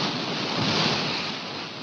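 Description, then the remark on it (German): Steady washing of water waves, a broad continuous hiss of surf that swells slightly mid-way, with nothing else standing out and no voices, as Monika undresses and runs into the water, a scene from Ingmar Bergman's 1953 film Summer with Monika. “Monika zieht sich aus, läuft ins Wasser.”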